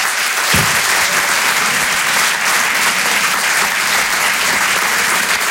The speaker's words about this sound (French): Merci beaucoup pour les applaudissements. Bah, très sympa. Non, vous étiez même pas obligé d'applaudir.